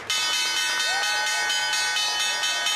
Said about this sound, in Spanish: El secretario de Estado, Marco Rubio, tocó la campana de apertura en la Bolsa de Valores.